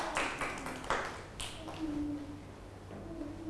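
A few scattered hand claps praising a child, sharp and irregular, fade out after about a second and a half, leaving a quiet, steady low hum.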